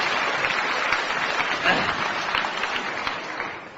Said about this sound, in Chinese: 来吧，掌声这么热烈，你肯定唱的错不了。